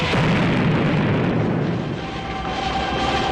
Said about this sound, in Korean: 땅크는 그 자리에 멈춰섰다. 잘한다! 잘했어! 기름통이 폭발했다! 불이 날렸다! 땅크에 불이 날렸다!